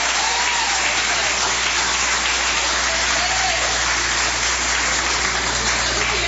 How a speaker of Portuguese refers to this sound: Vamos receber o servo de Deus com aquelas palmas bem alegre para Jesus.